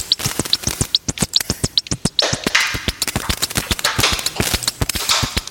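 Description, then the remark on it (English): A rapid, steady run of crisp, papery snare-drum hits designed from a short recording of two sheets of wide ruled paper rubbed together, with bursts of bright rustling hiss filling the gaps in the second half. “A snare drum sound designed using a short audio recording of two sheets of wide ruled paper being rubbed together.”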